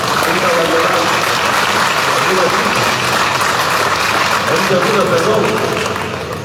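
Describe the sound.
Sustained applause from a crowd, a dense steady clatter of clapping that holds loud and even for several seconds before easing slightly at the end, with some voices mixed in.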